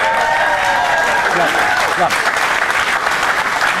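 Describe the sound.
An audience breaks into loud, sustained applause as the game segment Judge Johnny begins, a dense wash of clapping that holds steady for several seconds, with faint cheering or voices mixed in underneath.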